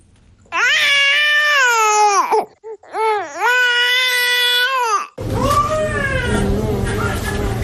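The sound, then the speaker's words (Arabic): A hungry baby cries in two long, loud, wavering wails with a brief catch of breath between them, then keeps crying against a noisier, rougher background; the crying signals the baby wants to breastfeed. “هذا الصوت يؤكد للأم رغبة الطفل وحوجته إلى الرضاعة”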